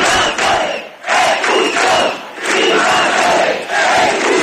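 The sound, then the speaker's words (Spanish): About five hundred demonstrators in Ceuta, Spain, carrying flags of Ceuta and Spain, cheer and chant in loud, rhythmic surges, voices rising together in repeated bursts about every second with brief dips between them. “Los manifestantes, medio millar aproximadamente, con banderas de Ceuta y España y con vítores.”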